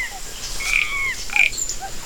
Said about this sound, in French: le coassement des grenouilles, des crapauds et des rainettes. C'est une forêt sauvage d'une grande beauté. C'est la jungle.